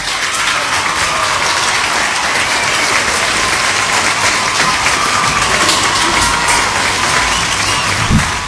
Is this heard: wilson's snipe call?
no